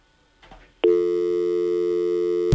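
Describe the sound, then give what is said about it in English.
A telephone busy signal: a loud, steady electronic tone at one fixed pitch, starting abruptly after a brief soft rustle and holding for almost two seconds before cutting off. No one speaks. “Somebody must be on the line.”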